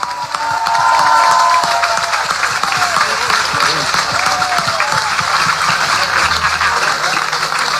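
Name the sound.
crowd applause and cheering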